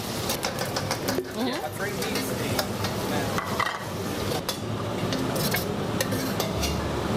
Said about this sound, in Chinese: 把肥的一部分的油脂给炒出来，这样吃上去就不会特别腻。